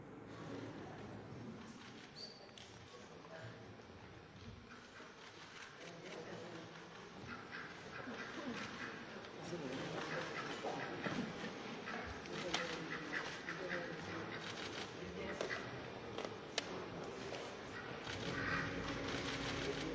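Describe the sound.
A duck quacks repeatedly while being shown off and let walk around the Palacio Nacional, amid a busy, noisy setting, its calls mixed into steady background commotion and faint indistinct voices, growing somewhat louder in the second half.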